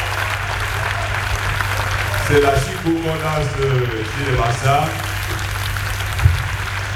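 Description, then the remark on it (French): A crowd at a live music performance at the Spring Festival 82 applauds steadily for the whole stretch, a dense wash of clapping while a man speaks over it through the middle. “Avec les applaudissements, c'est encore mieux, hein, c'est terrible.”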